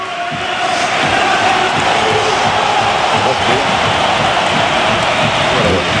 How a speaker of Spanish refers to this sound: Y vamos a escuchar la ovación a Isco Alarcón. Ahí entra Isco.